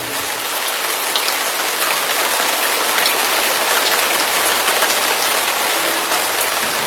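Heavy rain pours down steadily, a dense, continuous hiss of drops with no breaks, loud throughout, with no voices.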